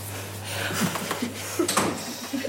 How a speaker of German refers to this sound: Und Tür zu machen.